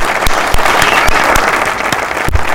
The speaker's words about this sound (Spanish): Y ese fuerte aplauso, vamos, che, con ganas. Está bien que está todo nublado, un poco de pila.